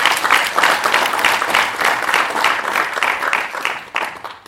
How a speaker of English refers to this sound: Can we all clap for IDS having 60 years?